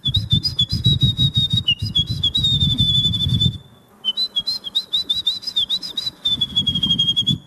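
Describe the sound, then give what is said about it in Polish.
A woman imitates a wren's song with high, rapid whistled trills in two long bursts split by a short pause, with rhythmic breathy puffs. She performs at the Polish bird-imitation championship in front of the Palace of Culture and Science in Warsaw. “Ja wybrałam strzyżyka.”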